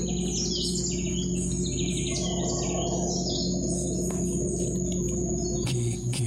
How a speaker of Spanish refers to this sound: Entonces llegas a ese hotel fantástico que está enclavado en la selva. Fantástico por eso, porque duermes en compañía de los monos aulladores o zaraguatos que rugen tremendamente.